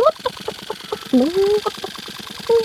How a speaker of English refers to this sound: Look, Noddy, cried Big Ears. The chicken seems to recognize this street. Stop the car. The chicken flew out of Noddy's car towards a garden with a nice pink fence.